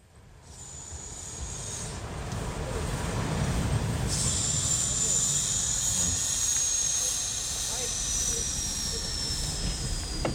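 A steam train bound for Thale hisses at a station, a steady low rumble underneath and high, thin whistling jets of steam cutting in and drifting, fairly loud and continuous throughout, with no one speaking.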